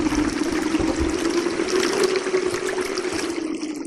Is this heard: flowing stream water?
yes